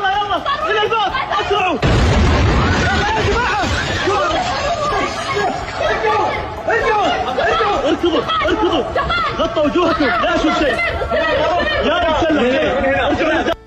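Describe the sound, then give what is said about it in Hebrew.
A ballistic missile strikes King Khalid International Airport in Riyadh, Saudi Arabia: a single heavy explosion booms out about two seconds in, rumbling low and loud, while a crowd of agitated voices chatters and shouts continuously before and after it. “כך זה היה נשמע שם אחד הרגעים שבהם נפל הטיל בשדה התעופה.”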